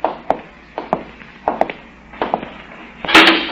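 The great door of a great reception hall opens from the outside with a loud, harsh burst of noise, preceded by a run of sharp, irregular wooden knocks and taps. No voices are heard.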